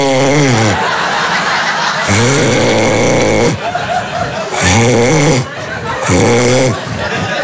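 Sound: voice imitating snoring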